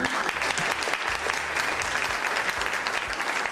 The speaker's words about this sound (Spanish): Por aquí, mira, otra vez el aplauso.